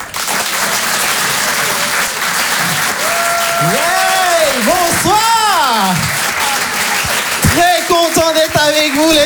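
A crowd applauds and cheers loudly throughout, with dense steady clapping under rising and falling whoops and shouts, including high wavering cheers near the end.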